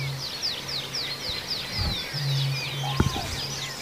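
Common crane and bittern calls at a reed bed at sunrise: low, steady booming tones come and go beneath a busy chorus of high, quick songbird chirps in open outdoor air, with no voices.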